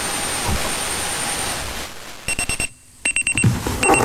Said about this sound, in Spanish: El despertador.